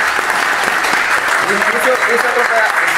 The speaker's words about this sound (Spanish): ¡Aplausos!